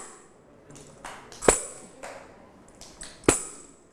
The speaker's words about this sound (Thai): วันนี้เราจะมาเคลื่อนไหวโดยใช้เครื่องให้สัญญาณจังหวะเป็นแทมอะไรนะคะแทมบูลีนแทมบูลีนนะคะคุณครูปิงจะให้เสียงสัญญาณเช่นเดิมเลยมีสัญญาณจังหวะอะไรบ้างช้า